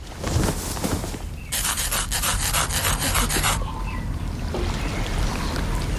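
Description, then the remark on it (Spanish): Someone lifts a trouser leg to scratch a wooden peg leg: a quick, steady run of harsh rasping strokes lasting about two seconds, framed by softer rubbing and shuffling before and after. “Perdonad, necesito levantarme el pantalón para rascarme.”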